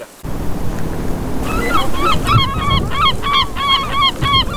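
A flock of gulls that have settled in a marsh calls over and over in quick, overlapping cries, starting after a second and a half of steady water and wind noise, fairly loud.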